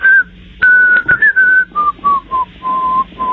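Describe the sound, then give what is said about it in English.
A man calling a radio show from the northern suburbs of Chicago whistles the introduction of a song he wants to hear, a clear short melodic phrase with sustained pure notes stepping gradually downward in pitch, separated by brief breaths. “The song I would like to hear, I will whistle the introduction for you, and hopefully in the correct key.”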